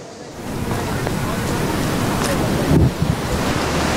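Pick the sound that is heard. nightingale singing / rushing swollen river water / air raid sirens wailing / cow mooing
rushing swollen river water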